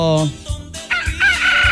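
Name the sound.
rooster crowing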